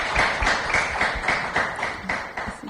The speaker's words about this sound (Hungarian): Hát nagyon szépen köszönjük a tanúságtételedet, és egy tapssal köszönjük meg.